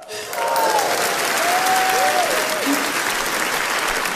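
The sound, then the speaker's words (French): Loud, sustained applause from a large audience fills the whole stretch, a dense steady clatter of many hands with faint tonal bits of voices or whistles drifting over it. “Mais monsieur, excusez-moi, mais pourquoi t'applaudis comme un malade comme ça?”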